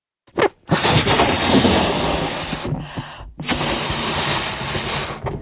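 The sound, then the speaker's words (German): A balloon being blown up: a short puff, then two long, steady rushes of breathy air separated by a brief pause for breath. The hiss stays loud and even throughout, with no talking. “Zuerst püst wir nu unseren Luftballon ab.”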